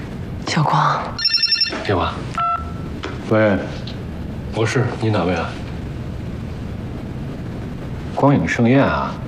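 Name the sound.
telephone ringing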